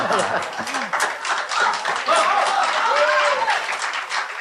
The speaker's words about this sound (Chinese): 什么确实是 给你鼓掌 啊， 给你鼓掌。